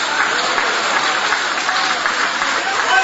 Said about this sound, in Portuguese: Guarda a Bíblia com carinho e aplaude a Deus também com alegria. Isso, pode aplaudir. Pode adorar, pode glorificar o Rei Jesus.